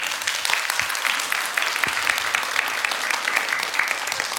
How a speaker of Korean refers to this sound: 이야, 아까 저 나올 때 박수 소리보다 물고기한테 더 크게 치시네요.